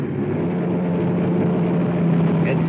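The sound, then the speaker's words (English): A patrol car engine drones steadily, a loud, continuous low rumble with road noise as the car rolls along at night on a light-traffic street and wheels into the curb at a corner liquor store. “We're wheeling into the curb.”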